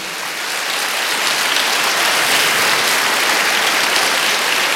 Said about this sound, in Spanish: Alguien me dice amén. Dele palmas al Señor, por favor.